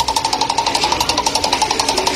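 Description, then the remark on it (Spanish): A spinning roulette wheel ticks rapidly and steadily, a fast, even stream of sharp clicks for a couple of seconds, clear with no voices over it. “Giramos la ruleta.”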